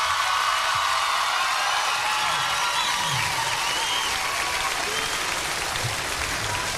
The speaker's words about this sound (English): Give a big round of applause to my band up here